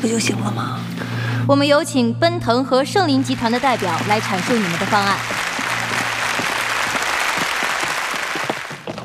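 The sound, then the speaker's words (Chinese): Voices speak briefly, then an audience breaks into steady, fairly loud applause welcoming the Jiaye Group representative at a bidding meeting, a dense wash of many hands clapping that continues to the end. “接下来我们要请上的是嘉业集团代表，掌声有请。”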